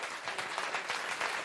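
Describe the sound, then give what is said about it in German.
Steady, dense applause from the audience at the outdoor festival stage of the live MDR Kultur festival radio show in Rudolstadt, many hands clapping at once in a continuous crackling wash that holds an even loudness throughout. “Und an dem Applaus können Sie an den Radiogeräten hören.”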